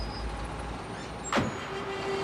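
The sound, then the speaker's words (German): Steady roar of city street traffic in Bogotá with engine rumble, a sharp hiss of air brakes around the middle, and a faint high whine in the background; no one speaks. “In Bogotá sind täglich knapp 2 Millionen Fahrzeuge unterwegs.”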